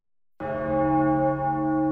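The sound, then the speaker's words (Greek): A church bell struck once after a brief silence, its deep, rich tone ringing out loudly and sustaining with a slow, mournful hum; no voices. “Πένθυμος ερχόταν ο αχός από τις καμπάνες που χτυπούσαν μέχρι το αντέρισμα που πολεμούσαν ακόμη οι αντριωμένοι.”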